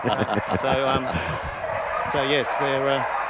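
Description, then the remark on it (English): Several excited dogs bark and yip in quick, overlapping bursts at a flyball event, some calls drawn out into high whines, against a busy, noisy background with indistinct voices; dogs in the ring and in the rest areas join in. “And you get the noise. Not just in the ring, but it'll be the dogs that are in the rest areas.”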